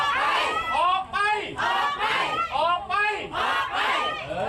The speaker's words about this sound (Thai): รวมตัวกันชูป้ายตะโกนบอกออกไปออกไปมีการเรียกร้องนะคะให้ผู้บริหารชุดปัจจุบันค่ะออกไป